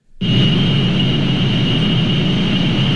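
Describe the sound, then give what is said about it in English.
A steady, loud mechanical hum from a data center switches on abruptly and holds unchanged, with a deep low rumble under a persistent high tonal whine. No one speaks. “If you live near one of the 3,000 data centers around the country, it might sound familiar.”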